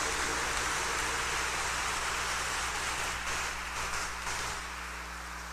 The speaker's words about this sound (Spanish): Démosle nuevamente un fuerte aplauso de felicitación.